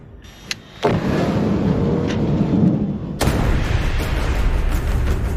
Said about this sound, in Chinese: 看着爆炸时巨大的火球，我都有点后怕了。